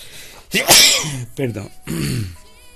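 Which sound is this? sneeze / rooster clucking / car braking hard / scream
sneeze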